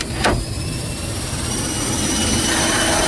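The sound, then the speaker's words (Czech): The cargo hold of a cargo aircraft carrying horses in crates slowly closes before departure for Istanbul, against a steady, loud roar of running engines, with a brief sharp knock near the start and a faint high whine throughout. “Kasa se pomalu zavírá a my odlétáme.”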